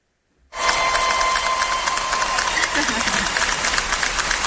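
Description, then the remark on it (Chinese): After a brief silence, a crowd's cheering bursts in abruptly and holds as a loud, dense, steady roar of many voices to the end, with no single speaker standing out. “好，这叫提前的欢呼声。”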